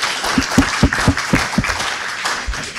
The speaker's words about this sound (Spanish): Así que un aplauso para eso. Yo estoy seguro que van a aceptar.